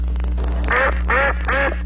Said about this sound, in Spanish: Un pato. Un pato, van 3.